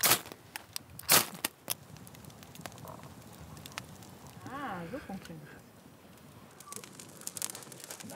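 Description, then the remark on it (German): A campfire burns outdoors in Germany with sharp, irregular pops and snaps, loudest near the start, while a brief warbling call rises midway over the steady burning. “Das Feuer brennt und die Natur liefert eiweißhaltige Nahrung.”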